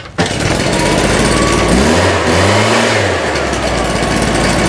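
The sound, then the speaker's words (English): A leaf blower, just put back together with a wrench, runs loudly and steadily, its engine pitch briefly rising and falling as if revved, with a broad rushing noise throughout. “this wrench to put together the leaf blower and make it work again.”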